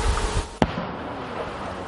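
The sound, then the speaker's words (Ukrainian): A single sharp artillery blast from a cannonade at combat positions, with guns of both sides firing, cracks out over a steady, rumbling outdoor din, one sudden loud report that quickly fades back into the background noise. No one speaks. “Час від часу звук дронів над позиціями глушить потужна канонада і наших, і ворожих гармат.”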